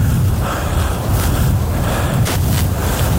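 Waves roll in and break on a shore in a steady, loud wash of surf, with a deep rumble underneath and a few brief hissing surges. Wind buffets the microphone, and nobody speaks.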